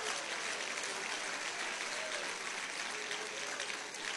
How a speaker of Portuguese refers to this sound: Isto, desocupe as mãos e pode aplaudir, pode.